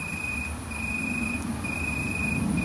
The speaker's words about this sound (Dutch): uit Bemmel aan de Waal zit een boomkrekel te striduleren. Ja, zo heet dat. Ineke hoort ze wel vaker in de uiterwaarden, maar dit is de eerste die ze hoort in haar achtertuin.